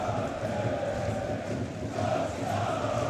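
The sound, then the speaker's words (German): A large stadium crowd of SC Verl supporters roars and applauds as the third-division team comes over to its own fans at a DFB-Pokal match against Hamburger SV, a steady, dense wash of sound, loud and continuous throughout with no clear pauses. “der Drittligist, der SC Verl, geht jetzt nochmal zum eigenen Anhang, holt sich da nochmal ein bisschen Mut, ein bisschen Unterstützung, ein bisschen Applaus ab”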